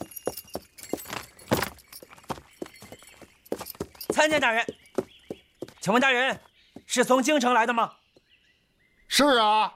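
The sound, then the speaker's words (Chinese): Donkey hooves clip-clop in a quick, steady patter for several seconds as an official from the capital rides a donkey, clear, then fade as loud voices call out over a few short bursts. “你记住了，刘大人骑驴。明白，从京城来的骑驴的大人。”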